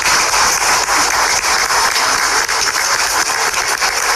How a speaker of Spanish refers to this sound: Fuerte los aplausos para ella.